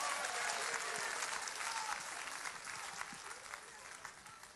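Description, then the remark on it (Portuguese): A church audience claps together to applaud Jesus in sustained, dense applause, a bright wash of many hands that stays steady before easing off slightly toward the end, with faint voices mixed in. “Vamos aplaudir Jesus com alegria. Vamos aplaudir Jesus bem bonito.”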